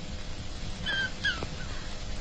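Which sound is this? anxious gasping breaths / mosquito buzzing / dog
dog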